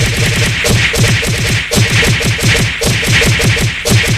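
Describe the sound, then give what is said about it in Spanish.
A rapid, steady barrage of loud knuckle blows ("cocazos") played as a sound effect on a Spanish-language show. Sharp thwacks repeat several times per second without pause for about four seconds, with no voices. “Oye, Rulo, una lluvia de cocazos para mi hermana.”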